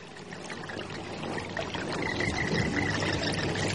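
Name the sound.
flowing stream water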